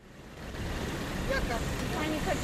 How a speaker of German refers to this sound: Busbahnhof Tirana, Albanien. Über der Stadt hängen schwere Wolken. Es riecht nach Diesel. Motoren brummen, Türen zischen. Fahrer rufen ihre Reiseziele in die graue Luft.